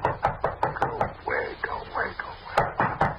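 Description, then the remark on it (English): A quick run of about six sharp raps on a door, a short lull filled with muffled sound, then three more firm knocks in the same steady rhythm. “Just gonna let him knock.”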